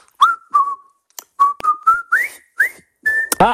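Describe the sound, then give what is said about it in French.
A person whistles the march theme from the film The Bridge on the River Kwai for listeners to guess on the radio station Ici Normandie: about nine clear, separate notes in a bouncy rhythm, a few sliding upward, ending on a higher held note, with nobody talking. “Je vais vous siffler un air et vous allez devoir deviner le thème de ma musique.”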